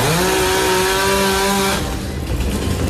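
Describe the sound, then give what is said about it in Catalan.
A chainsaw drones at a steady, high-pitched whine while cutting up trees felled by heavy rain in Barcelona to clear them away, then its tone breaks into a rougher, loud grinding rasp as the blade bites into the wood. “Sobretot arbres caiguts que s'han hagut de talar per enretirar o filtracions d'aigua.”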